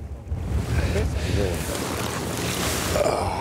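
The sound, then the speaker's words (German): Fishing nets being hauled aboard a small boat, bringing up only tiny fish, roach and a small perch, with a steady wash of water and wind rushing at the microphone and faint creaks and rustling throughout. “Wir holen die Netze rein und ich bin echt gespannt.”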